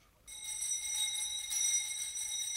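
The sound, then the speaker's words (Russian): A continuous electric school bell rings steadily after a brief quiet moment, signalling a break between lessons, a bright metallic buzzing tone with sharp overtones that holds at an even level throughout, with no voices. “Ну вот, слышите? Даже этот жалкий звон вещает вам перемену.”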